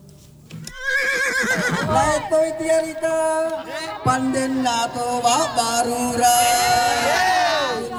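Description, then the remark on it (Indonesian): A horse of the Sayang Patudu dancing-horse tradition of the Mandar people of West Sulawesi neighs loudly, with several long, wavering whinnies rising and falling across the stretch and a busy background murmur underneath. “Arti dari Sayang Patudu adalah kuda yang menari.”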